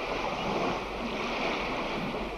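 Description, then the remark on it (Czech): Ocean waves roar in a steady, unbroken wash of surf, loud, with a rushing, windy texture and no voices present. “Slyšíš, jak vlny hučí?”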